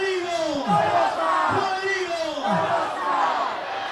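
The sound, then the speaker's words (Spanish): A large crowd at the Alberto Larraquivel Morales stadium chants the first and last name of player Rodrigo Tolosa after his goal made it Mayeco 3, Quintero Unido 0. It is a loud, rhythmic two-part call repeating roughly once a second over a steady roar. “La celebración a la europea, René Armando Pizarro ahí con la gente vitoreando el nombre y el apellido de Rodrigo Tolosa.”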